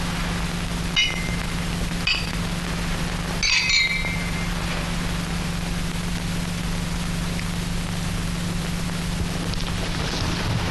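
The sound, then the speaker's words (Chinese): Glasses clink together in a toast, a few bright ringing chimes: one, another a second later, then a quick cluster of touches, all over a steady low hum and hiss with no voices. “诸位，为了苏州河上的胜利，为了祝贺刘少二位将军荣获总裁的奖赏，请干杯。”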